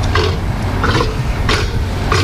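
A Patagonian (South American) sea lion gives four harsh, grunting barks at a steady rhythm, each a short raspy burst, over a constant background hum.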